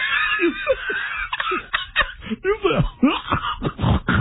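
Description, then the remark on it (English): A run of short, voiced hiccups comes in quick, uneven bursts with a slight nasal twang, mixed with snickering, laugh-like sounds and no clear words. “Play the hiccup, and I want you to listen to the twang.”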